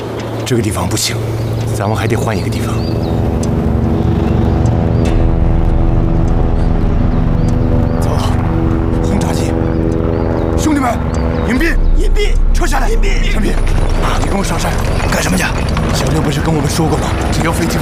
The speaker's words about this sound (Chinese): 走，轰炸机，兄弟们，隐蔽， 隐蔽， 撤下来， 隐蔽， 上边。